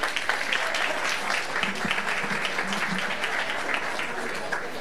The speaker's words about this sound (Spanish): Y ahora sí, cerrando la parte oratoria, por supuesto que la presencia del señor intendente de Colonia, Guillermo Rodríguez. Lo aplaudimos.